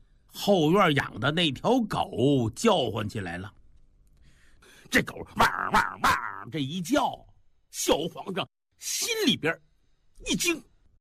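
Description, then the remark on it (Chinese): A man's voice imitates the barking of a dog kept in the back courtyard, a run of loud, wavering woofs followed after a pause by several sharp, separate yaps and bursts. “后院养的那条狗叫唤起来了，这狗汪汪汪这一叫，小皇上心里边一惊，这狗叫什么？”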